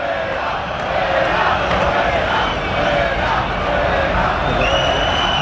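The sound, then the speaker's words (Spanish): A packed football stadium crowd at Vallecas roars and cheers steadily, a dense wall of voices swelling slightly in waves, with a few whistles cutting through near the end. “Y así suena Vallecas.”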